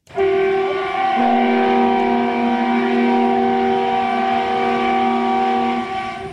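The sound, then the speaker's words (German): An SVT Görlitz type diesel express railcar, a nearly 60-year-old East German train built in Görlitz, sounds its well-known arrival signal: a long, loud multi-tone horn that shifts pitch partway through, held steadily for several seconds over the rumble of the arriving train. “Mit Volldampf und dem bekannten Einfahrsignal kommt der Vindo Bona, der Schnelltriebwagen vom Typ SVT Görlitz, förmlich angeflogen.”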